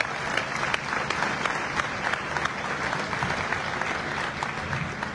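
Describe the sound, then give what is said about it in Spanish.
Sustained audience applause for the mothers, fathers and grandparents who support their children's and grandchildren's education, a dense, steady wash of many hands clapping at an even loudness throughout, with scattered sharper claps standing out and no speech over it. “Un fuerte aplauso también para ellos.”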